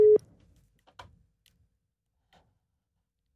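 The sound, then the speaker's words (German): A telephone ringing tone during a live radio call on SRF Virus to a contest winner sounds once as a short, loud, steady mid-pitched beep, followed by a few faint scattered clicks and near silence while the line waits. “Und gewinnen hat natürlich nur jemand können und dieser Person läuten wir jetzt gerade live an. Schauen wir mal, ob sie abnimmt.”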